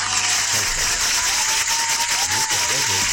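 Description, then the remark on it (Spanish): A crowd gives genuine, not simulated, applause, clapping steadily for about three seconds, a dense crackling wash at an even loudness, with voices faintly audible underneath. “Un aplauso, que no es un aplauso simulado.”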